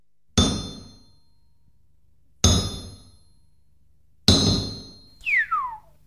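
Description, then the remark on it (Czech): A heavy blacksmith's hammer strikes metal three times at slow, even intervals, each loud clang ringing out and fading. A brief falling, whistle-like tone follows the last blow. “Tu máš nejprve to menší kladivo, ať se mi tu nestrhneš.”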